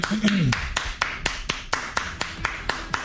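Steady, evenly spaced hand claps, about a dozen sharp, crisp slaps in a regular rhythm, with a short vocal sound at the very start before the clapping carries on alone.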